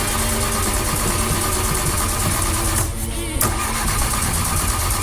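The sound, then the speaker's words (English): A car engine cranks and struggles to start in the morning, a steady loud mechanical churn that briefly cuts out near the end before sputtering on into a rough idle. “That was us this morning trying to start the car.”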